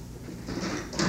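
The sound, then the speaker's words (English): A front door is pulled open, a brief scraping, rustling noise that swells in the middle and ends with a slightly louder burst. No one speaks. “will you see who that is at the front door, please?”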